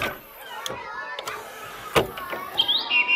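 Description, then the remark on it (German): A blackbird song played from a bird-call CD on a CD player: a flowing series of fluting, whistled phrases, ending in brighter high notes, with a few sharp clicks and faint background noise mixed in. “So schön singt die Amsel.”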